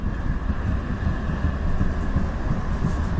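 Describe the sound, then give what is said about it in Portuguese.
Steady, loud rumble of a tram rolling along rails in Vienna, ridden from Haydn's house to Pratnerstrasse 54; a continuous low mechanical drone with faint higher hum, heard from on board, with no voices. “E da casa de Haydn apanhamos agora o elétrico para a Pratnerstrasse 54, onde encontramos a casa do rei das valsas.”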